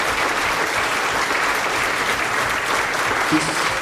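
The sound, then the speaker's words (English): A large audience claps steadily, a dense, continuous wash of applause that holds at an even loud level throughout, with no voices standing out above it. “This applause should go to all those people who are fighting and still are fighting in the streets there.”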